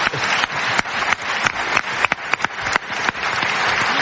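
An audience applauds steadily for several seconds, a dense wash of many hands clapping at once, fairly loud, with a few sharper individual claps standing out.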